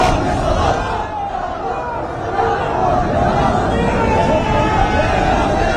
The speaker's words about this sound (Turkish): An itibariyle yöneticiler, Ertuğrul Doğan ve Muhammed Salah oraya çok yakın noktadalar. Tabii havalimanının hemen arkasında. Ve geldi o tezahürat, evet.